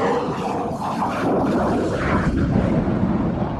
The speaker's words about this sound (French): Et quand il va remettre les gaz, pour avoir la puissance nécessaire, il va mettre la post-combustion sur l'autre moteur. Et là, ça va faire du bruit.